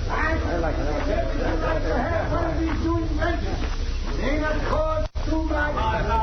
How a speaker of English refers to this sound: Ah, there they are, down the street. So that's why the crowd's gathered.